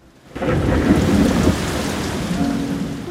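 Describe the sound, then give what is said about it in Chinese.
Heavy rain bursts in abruptly after a brief hush, a dense steady roar with a low thunder rumble rolling underneath. It stays loud and unbroken to the end, with no voices. “有一天，天空突然下起大雨。”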